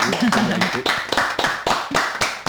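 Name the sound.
studio audience applauding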